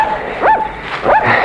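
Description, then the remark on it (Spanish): Two high, quavering coyote yelps, each sliding up and then down in pitch, about half a second apart over a steady background hiss, with no voices. The coyote is prowling around. “Perdone usted, patroncito, pero salí a ver que andaba rondando el coyote.”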